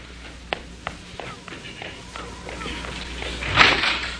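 Several quick footsteps tap across a floor at a brisk pace, followed by a louder, abrupt rattling burst as a door is yanked open near the end.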